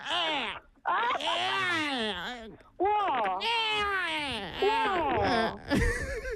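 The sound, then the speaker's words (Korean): A voice imitates a babbling baby, with a run of high, sing-song coos and gurgles that sweep up and down in pitch and come in short bursts with brief pauses between them. “혹시 뭐 아까 앞에 아기 뭐 옹알거리는 거 소리 그 첫 번째 도전자도 있었는데 그 혹시 네.”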